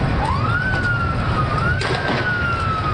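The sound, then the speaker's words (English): A police siren wails as police break up a crowd on a Sunday night in Buenos Aires, Argentina, gathered for World Cup celebrations of Lionel Messi's last game; its tone sweeps up, then slowly rises and falls, loud and continuous over a steady rumbling, noisy background with no talking. “The sound of police breaking up a crowd Sunday night.”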